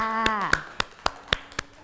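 Children clap in a steady, even rhythm, about seven sharp claps in under two seconds, with a brief high-pitched voice sounding over the first few.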